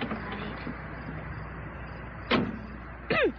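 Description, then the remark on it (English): Shuffling as someone climbs into an old beat-up truck, then two short door sounds a second apart, the last with a brief creaky squeal, over a steady low background rumble. “Come on over and get in the truck.”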